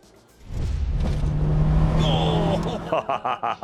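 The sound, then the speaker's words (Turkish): A car engine rumbles to life and runs with a steady low drone and a faint whine, then a voice speaks over it in short bursts at the end. “Bu araba nasıl gidiyor?”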